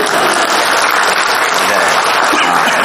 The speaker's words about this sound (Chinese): 可以鼓掌了，谢谢大伙。